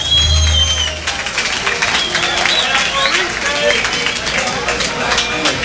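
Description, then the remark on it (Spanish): Loud, steady audience applause fills the whole stretch, a dense wash of clapping mixed with crowd cheering and a few rising whistle-like calls, holding an even level for several seconds. “¡Aplauso, gordo!”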